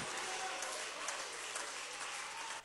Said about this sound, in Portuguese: Então as palmas para Jesus e o glória a Deus não pode parar.